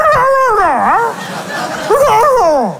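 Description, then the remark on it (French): A human voice imitates a dog answering in Kabyle, making two loud howling, whining cries that slide up and down in pitch, with a short pause between them. “Et le chien lui répondait en kabyle.”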